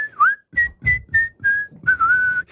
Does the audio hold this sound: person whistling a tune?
yes